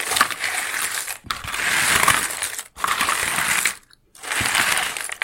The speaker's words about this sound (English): We were looking for the sound of jigsaw puzzle pieces being poured out.